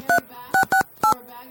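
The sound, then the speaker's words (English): Four crisp touch-tone dialing beeps, each a short two-pitch chirp, tapped out in a quick uneven rhythm as a woman makes a phone call in a studio, with faint background murmur between them. “Think she's making a crank call?”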